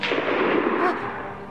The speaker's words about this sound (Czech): Ten poslední výstřel, to byla puška Vinetua. A kdo střílí, je živ.